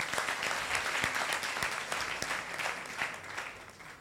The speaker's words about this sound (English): Oh, please clap for her as she's coming here. Hey, please keep clapping.